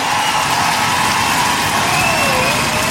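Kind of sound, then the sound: crowd, audience applauding and cheering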